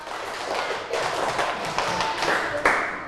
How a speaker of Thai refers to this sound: เก่งมากๆเลยขอบคุณมากค่ะเอาปรบมือเป็นสเต็ป1รอบ